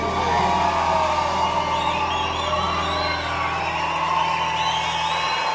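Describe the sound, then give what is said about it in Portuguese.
A dense crowd roars and cheers continuously, with scattered whoops and shouts rising over a steady wash of voices, loud throughout. “Quem gostou, grita aí!”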